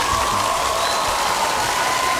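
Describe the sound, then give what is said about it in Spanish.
A steady burst of dense applause on a Radio Disney show, for a worker who is working even on Sunday: many hands clapping at an even level for about two seconds, with a thin sustained whistle-like tone running through it and no talking. “¡Qué un fuerte aplauso para ese trabajador!”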